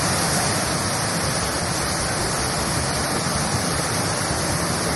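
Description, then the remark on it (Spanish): Hail pours down in Jamundí in a dense, steady roar of countless tiny impacts, a loud unbroken hiss with a faint rattling texture underneath, lasting the whole time with no voices. “Y para la gente que me dice que cae granizo en Jamundí.”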